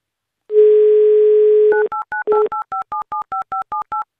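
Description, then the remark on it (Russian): A steady dial tone hums for about a second, then a quick run of around a dozen short, evenly spaced touch-tone beeps at varying pitches as a number is dialed live on air on Avtoradio to call a listener. No voices. “Так, номер набран”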